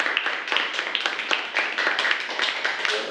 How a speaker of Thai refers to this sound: โอเคอ่ะปรบมือให้เพื่อนนะครับนักเรียนนะครับ